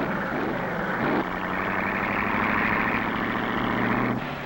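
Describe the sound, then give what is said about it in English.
Cars drive out one after another onto a track for timed speed runs: engines roar steadily as vehicles pull away, one motor's pitch shifting and climbing early on before the loud, rumbling drone cuts off near the end. No voices. “Car after car goes out.”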